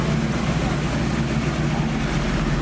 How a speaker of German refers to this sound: Ja, dauert nur ein paar Minuten, ist aber mit diesem herrlichen Blick auf die Travemündung und auf die Ostsee so eine kleine Mini-Kreuzfahrt. So, jetzt geht auch schon der Motor an.